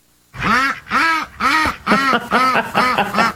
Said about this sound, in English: Oh, our ducks are loose again.